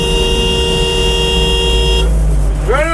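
A steady car horn blares for about two seconds over a low traffic rumble, then cuts off as another horn sounds with a wavering, bending pitch near the end. Drivers honk in a traffic jam at the entrance to the town of La Palisse.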